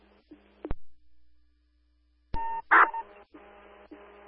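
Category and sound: signal or alarm, telephone dialing tones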